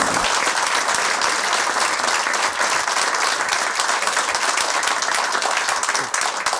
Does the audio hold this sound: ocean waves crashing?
no